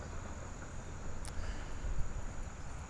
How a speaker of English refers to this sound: There's a lot of bugs flying around me today, too.